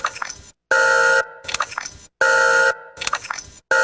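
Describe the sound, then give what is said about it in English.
A loud, buzzy alarm sound effect cycles three times, each loop a steady honking blast followed by a short warbling, sputtering burst, with brief silences between. No one speaks. “Wonder if we should have an alarm for that.”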